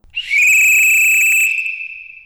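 A single long, shrill whistle blast, loud, holding a steady high pitch for about two seconds with bright overtones before tapering off, signalling the start of an event.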